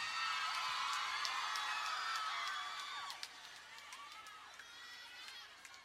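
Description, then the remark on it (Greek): A noisy crowd of many overlapping voices shouting and whooping at once, loud, with a few sharp clacks, easing slightly in the last few seconds. “Φασάρια φωνές.”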